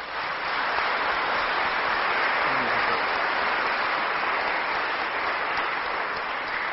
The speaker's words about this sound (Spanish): Vamos a darle un fuertísimo aplauso.